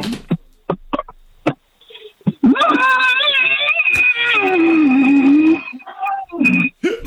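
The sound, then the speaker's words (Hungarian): A voice imitates a long, drawn-out dinosaur roar, recorded with a phone placed inside a large pot, giving a hollow, ringing, metallic resonance, preceded by a few short clicks and knocks. “Figyelj, beleraktam a telefont egy nagy fazékba, és fogtam egy repoharat, és abba ordítottam.”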